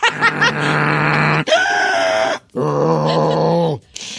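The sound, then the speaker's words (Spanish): A person imitates piglet-like snoring grunts: three loud, drawn-out, nasal squealing groans in quick succession, with no talking around them. “¿Usted hace ruido cuando duerme? Sí, como puerquito, no, porque uso la máquina, pero así como puerquito, sin más.”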